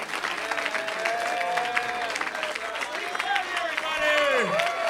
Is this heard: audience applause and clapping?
yes